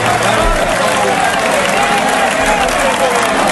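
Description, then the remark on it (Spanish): A huge bullring crowd at the Plaza de Toros de Albacete roars and applauds continuously, a dense, loud wash of clapping and cheering, with voices blending into the steady ovation. The whole crowd turns to applaud Herrera in the municipal box after Morante de la Puebla cut two ears. “Una ovación, pero no una ovación pequeña, una ovación de toda la plaza.”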